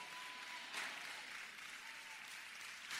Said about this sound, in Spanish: Gracias por esos aplausos